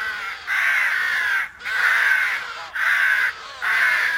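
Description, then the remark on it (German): Thousands of wintering rooks caw harshly as they settle onto trees on the Peisnitz in the Saale floodplain in Halle at dusk, their raspy calls arriving in four long, dense bursts with short gaps between them, loud with no voices present. “wenn also Tausende von Krähen heranschweben und sich fallen lassen auf die Bäume, auf der Peisnitz und dabei einen tierischen Krach machen”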